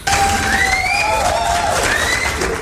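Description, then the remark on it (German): A loud, sustained burst of crowd cheering and applause given for a film trailer, with high whoops and whistle-like cries rising and falling over a dense wash of clapping and voices. “Kriegt er ein bisschen einen Applaus von unserer Seite.”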